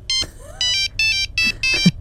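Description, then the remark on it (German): A classic Nokia mobile phone ringtone plays a quick, bright electronic melody of short tonal bursts, loud, with no one speaking. “Das war Nokia.”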